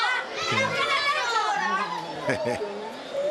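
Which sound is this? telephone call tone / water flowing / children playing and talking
children playing and talking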